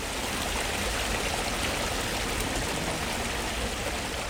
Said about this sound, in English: It's amazing the impact that the water, the gentle flow of a stream, and water at all, actually, in a garden can have,